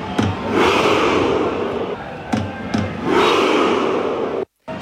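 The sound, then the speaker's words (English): A huge stadium crowd of Norway fans performs the Viking Row chant: sharp drum beats punctuate two long, swelling waves of massed roaring voices as the crowd moves back as if rowing, ending in a sudden cutoff. “That's a whole stadium rowing.”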